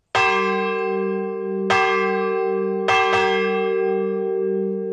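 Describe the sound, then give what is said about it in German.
The Wölpersbach church bell tolls with no voices, each stroke ringing out into a long humming sustain; after two evenly spaced strikes, a quick double stroke follows. “Die Wölpersbacher Glocke, ein Gemeinschaftsprojekt seit 25 Jahren.”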